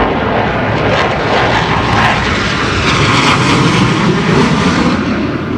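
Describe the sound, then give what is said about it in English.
Loud, steady roar of two propeller planes flying low overhead at an air show, a dense droning rumble that fills the whole stretch without pause, no voices. “That's just two of the planes.”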